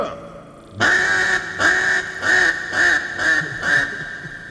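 A duck call is blown in a quick rhythmic run of about six loud, raspy quacks with no talking, each note sharp and nasal like a mallard.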